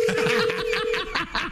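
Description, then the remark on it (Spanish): A steady electronic telephone tone sounds for about a second, with people snickering and chuckling over and after it. “Deja que timbre primero el teléfono.”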